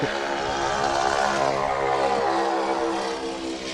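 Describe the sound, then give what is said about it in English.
A propeller airplane engine drones steadily, the Ford Tri-Motor's loud, buzzing roar carrying dense stacked harmonics that hold constant for several seconds, easing slightly toward the end. “Gotta love the noise of the Ford tri-motor.”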